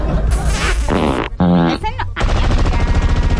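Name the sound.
gunshot sound effect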